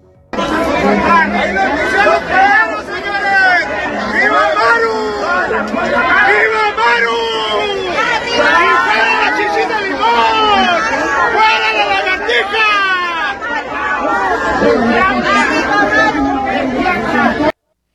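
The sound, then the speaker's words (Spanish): A dense crowd of protesters shouting and chattering at once outside the FGR (Fiscalía General de la República) in Chihuahua or Ciudad Juárez, Mexico, in support of the governor. Loud and sustained, with overlapping rising and falling cries and no single voice standing out. “¿Qué te parece si vamos a escuchar poquito de lo que se gritó en el lugar?”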